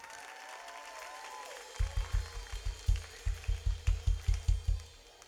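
A crowd claps in steady unison, about a dozen heavy, evenly spaced beats, after a short stretch of faint murmur and background noise, applauding a class of children aged 3 to 5 who are bringing a dance of the stars before an altar.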